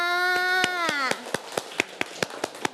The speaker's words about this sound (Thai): เด็กๆปรบมือให้ตัวเองค่ะ